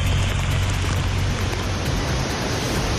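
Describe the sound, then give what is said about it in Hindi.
Torrential rain pours down steadily in Navsari city, where 10.5 inches fell in 12 hours and flooded half the city; a dense, continuous hiss of water drumming on surfaces, loud with a low rumble underneath and no voices. “नवसारी में कल मूसलाधार बारिश नहीं मानो आफत बरसी थी”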